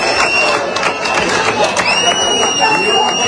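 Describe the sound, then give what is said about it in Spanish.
A crowd in Ceuta applauding the State Security Forces during protests, with dense, steady clapping that holds at a fairly loud level throughout, mixed with overlapping voices and a thin, sustained high tone. “Este aplauso va para ustedes, señores.”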